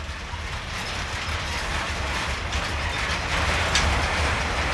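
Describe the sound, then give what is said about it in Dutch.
A train passes with a pusher locomotive, a kind of small shunting locomotive, at its rear, a steady loud rumble and rattling of wagons that holds constant throughout, with a faint clatter of wheels and no voices. “Ik denk dat dit inderdaad de achterkant van de trein is, want meestal zit er één locomotief aan de achterkant, ja, een duwer.”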